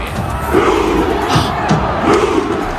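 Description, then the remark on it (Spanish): A large crowd of Norwegian football fans cheers their national team with a loud, rhythmic Viking rowing chant, imitating rowing an imaginary Viking ship, deep massed voices surging in repeated pulses over a constant roar. “Claro, aquí los hinchas están imitando, están remando ese barco vikingo imaginario, están remando todos”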